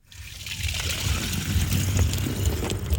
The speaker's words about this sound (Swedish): Fyller på vatten. Dricksvatten. Just det, för du har ju med dig tre flaskor, se här, som du fyller upp.